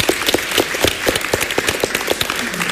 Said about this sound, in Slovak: Máte bodov 106. Čo veľmi slušné, to si zaslúži potlesk.